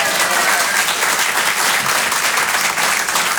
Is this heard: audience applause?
yes